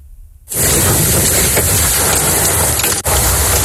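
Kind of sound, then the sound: nature, hail falling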